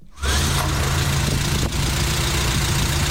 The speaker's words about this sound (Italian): Stiamo mettendo in moto la Renault 4 che posizioneremo qui all'esterno, con all'interno durante tutta la fase della trasmissione.